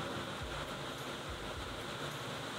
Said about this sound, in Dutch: Maar dat is dus de regen die hier nu ook in Brussel met bakken uit de lucht valt.